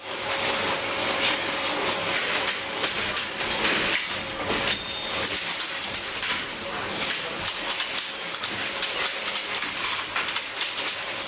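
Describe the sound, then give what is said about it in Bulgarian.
Dense, continuous mechanical clatter from a linotype machine as an operator types on its keyboard and it melts metal alloy ingots and casts the letters in lines, with rapid rattling and metallic clicks, a steady hum and brief high whines, loud throughout. “Това е линотипна машина.”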